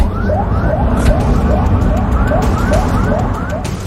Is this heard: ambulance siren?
yes